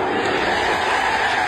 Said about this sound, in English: Gets a wicket. Next ball. Oh, my God. Crowd erupts. Well, there you go. The crowd erupts there.